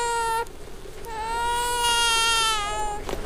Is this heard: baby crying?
yes